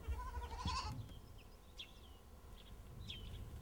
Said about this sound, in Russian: Какой козленочек хорошенький. Твой, да? Да. Прелесть.